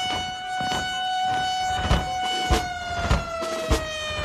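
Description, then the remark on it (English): The noon siren at Lackland military base in Texas holds one steady, unwavering tone throughout, sounding clear, with faint rhythmic clicking pulses repeating underneath about every half second. “I remember little ones, too. Lackland's noon siren.”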